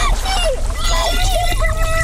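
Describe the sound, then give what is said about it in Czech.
Muffled underwater ambience picked up by a hydrophone: a steady low rumble with gurgling water and faint, sliding whistle-like tones drifting through it, fairly loud and continuous, with no talking. “Využili třeba takzvaný hydrofon, podvodní mikrofon, který dotváří atmosféru nebezpečí skrytého pod hladinou.”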